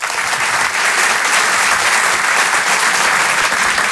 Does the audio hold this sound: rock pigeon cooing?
no